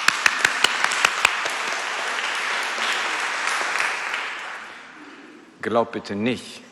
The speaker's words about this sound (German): Applaus für Gott.